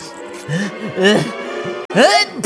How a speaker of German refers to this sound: Gesundheit.